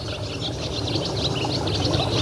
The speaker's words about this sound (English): Yeah, there's more than one warbler singing now at the same time. So sedge warbler and possibly reed warbler there as well together.